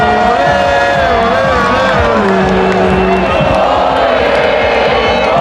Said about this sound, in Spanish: Millones de personas que no pararon de cantar, de saltar, celebrando en familia, en pareja o con amigos, gente de todas las edades y con muchos mensajes y peticiones para la selección.